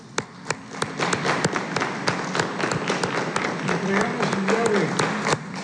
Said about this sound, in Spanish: Muchas felicidades. Un aplauso.